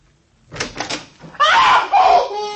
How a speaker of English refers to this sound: Just as the mayor opened the door, a hand reached out and jerked him into the bedroom. And it slammed the door right in my face and locked it.